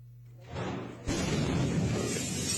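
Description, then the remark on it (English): A low hum and rising rush give way to a sudden, loud blast as pyrotechnic material detonates at a military barracks in Viacha, Bolivia, southwest of La Paz, shattering windows in a neighborhood, followed by a sustained roaring rumble of debris and noise that carries on to the end. “The moment a powerful blast shook a neighborhood of Viacha, shattering windows and sending traumatized people scurrying for shelter.”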